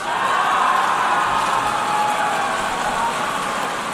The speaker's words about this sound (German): Ja, zögerlich leichtes Klatschen.